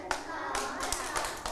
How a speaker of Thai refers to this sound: หมุนเอว2ครั้งปบมือ2ครั้ง